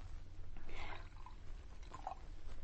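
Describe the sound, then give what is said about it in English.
Liquid is poured into a glass to about an inch from the bottom, a soft gurgling splash followed by a few small trickling notes, fairly quiet over a steady low background hum. “Now pour it into a glass, about an inch from the bottom, and you drink it down.”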